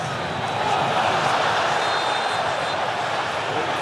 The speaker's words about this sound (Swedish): Samtidigt så hör ni publiken vråla på arenan. Det är för att Mbappé kapas och det är varning på Masraoui.